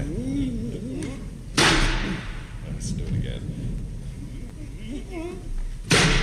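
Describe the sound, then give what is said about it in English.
A tremendous-sized brass door knocker carved with a lion's head strikes a door twice on a wet night, each blow a loud, booming thud several seconds apart, with a man's voice talking in between. “Oh, tremendous-sized brass knocker on this door.”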